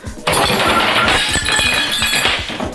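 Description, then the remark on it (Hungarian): A plate knocked off a table together with a revolver, shattering: a sudden loud crash, then a steady scatter of sharp, bright clinks and rattles as pieces keep clattering for a couple of seconds. “Lesotortad a tányérral együtt a Stukkert is.”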